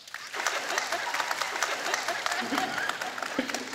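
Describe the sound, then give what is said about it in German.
An audience of brides bursts into steady applause, clapping to show they want a new wedding dress. Many hands clap together in a dense, continuous patter for a few seconds. “Okay, jetzt alle Bräute, die sagen, ne, das ist doch der Tag der Tage. Ich brauche mein Kleid und das muss neu sein.”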